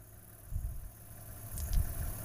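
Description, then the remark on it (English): A car engine idles with a low, steady rumble that swells briefly a couple of times, with no voices over it, by the side of a road where two lions rest in the grass. “Sorry, the car.”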